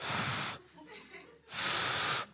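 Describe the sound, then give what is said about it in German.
Two loud, breathy bursts of air blown through pursed lips by the kangaroo trying to whistle, each about half a second long with a short pause between. A failed whistle: just airy hissing, no clear tone. “Es bläst nochmal Luft durch die Lippen.”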